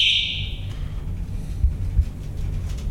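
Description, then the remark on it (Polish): A bright elevator bell chime rings once at the start and quickly fades, leaving a steady low mechanical hum with two soft thuds underneath. “Dzwonek.”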